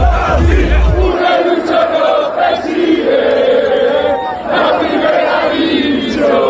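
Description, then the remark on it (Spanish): A large crowd celebrating Real Racing Club de Santander's promotion to the first division in the streets of Santander, with loud, sustained cheering, chanting and shouting that swells and dips over several seconds, a low rumble briefly at the start. “La ciudad celebra el ascenso a primera de su equipo, el Real Racing Club de Santander.”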